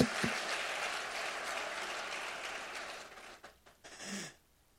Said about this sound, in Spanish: Aplaudan, hermanas, ahora que se puede. Apláudale al viejo y dígale: ya ves, infeliz.